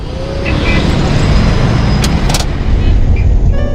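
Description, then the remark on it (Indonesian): A car pulls away from a green traffic light in traffic, its engine rumbling loud and steady alongside the surrounding road noise, with a couple of brief higher hisses partway through and no voices. “Tuh, lampu hijau, ayo.”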